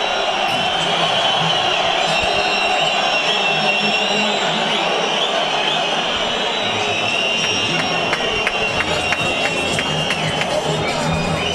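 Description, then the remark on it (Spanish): A football stadium crowd, including a Valencia fan, whistles at and applauds player Luis Bestarde as he leaves for half-time. The crowd roars steadily, shrill whistles piercing through the din and scattered applause crackling in, the clapping growing sharper and more rhythmic toward the end. “Y aquí un aficionado del Valencia que le aplaude, muy inteligentemente también. Me parece igual de mal pitarlo como aplaudirlo.”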